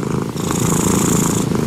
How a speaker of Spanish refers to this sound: Empieza a ronronear y yo me quedo dormida. Yo diría que uno de los sonidos más relajantes es el del gato, ¿ah?